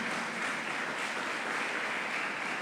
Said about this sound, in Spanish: Le damos ese fuerte aplauso a nuestro Rey Celestial.